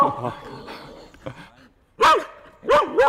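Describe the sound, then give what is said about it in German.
A female herding dog barks three times, loud, in sharp quick bursts, following a stretch of muffled talking that fades out just before the barks. “Ist halt ein Hütehund, die haben das einfach natürlich so eigentlich gelernt, das genau so zu machen.”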